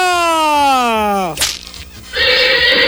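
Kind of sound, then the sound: animal, horse neighing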